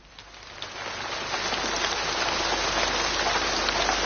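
Steady rain pours down in a dense, hissing wash of countless drops, swelling slightly louder over a few seconds and continuing without pause. No voices are present.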